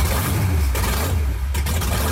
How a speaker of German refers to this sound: Es ist eine Wahnsinnsstimmung. Das bebt im ganzen Oberkörper, wenn dann da die Motoren aufbrummen. Wahnsinnsgefühl.